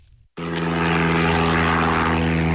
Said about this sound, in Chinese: 今年三月底，我国首款七吨级大型运输无人机长鹰8在河南首飞成功，成为全球迄今首飞的最大货运无人机。